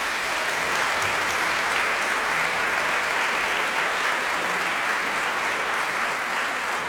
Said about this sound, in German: Das war Scendi dal Paradiso von Luca Marenzio. Ein großen Applaus für den Rundfunkchor Berlin und für Chefdirigent Gijs Lennerts. Danke.